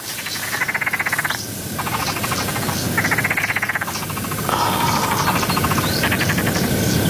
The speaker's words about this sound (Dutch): Ik hoor een kikker.